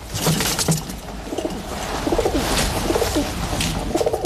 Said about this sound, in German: Wenn sie satt sind und zufrieden, dann gurren sie. Das klingt, als ob sie lachen.